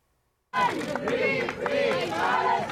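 After a brief silence, a large crowd at Barcelona airport suddenly erupts in loud, rhythmic chanting of "Palestina libre" ("free Palestine"), welcoming Spanish-Palestinian activist Saif Abu Kesseb after his release from Israeli detention. Many voices shout together in rising and falling waves that continue without pause.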